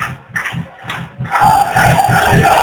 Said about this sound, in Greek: Τώρα συμμετέχει στα συνθήματα των Φιλάνδρων του Πανιγαλίου και ο κόσμος εδώ χειροκροτεί.